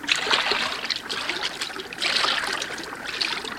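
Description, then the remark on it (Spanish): Water splashes and swishes steadily for a few seconds as someone wades into a river, with bright surges of splashing and no voices. “Bueno, métete en el agua y averigua lo que es.”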